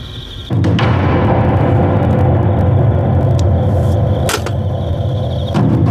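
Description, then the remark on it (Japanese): A heavy transport vehicle's engine roars in after a brief pause, a loud, steady low rumble as it drives, with a couple of sharp metallic bursts along the way. “やばい、とにかく輸送車早く止めるんだ。”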